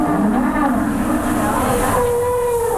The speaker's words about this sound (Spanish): Oye, dicen que hace 14 grados, pero con este viento... La sensación térmica. La sensación térmica es menor. A ver el viento, ¿cómo suena? El viento gélido. Gélido.